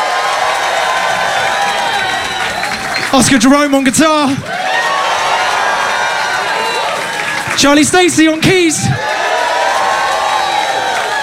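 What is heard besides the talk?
audience cheering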